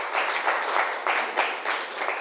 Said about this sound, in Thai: ปรบมือให้กับกลุ่มที่1หน่อยครับ